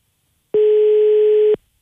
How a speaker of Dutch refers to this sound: De telefoon gaat over. We wachten even.